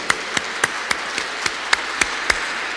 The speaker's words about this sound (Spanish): ¡Qué belleza! Merecen un aplauso ustedes.